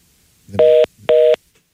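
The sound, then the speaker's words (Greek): Two loud, evenly spaced electronic telephone tones sound as a caller's line drops during a call-in show, like a disconnect signal on the line, with no voices. “Και αυτό έπεσε, οπότε...”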